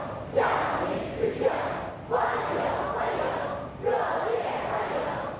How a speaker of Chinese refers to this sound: 人民大会堂北门外，礼宾飞列道路两侧，青少年热情欢呼致意。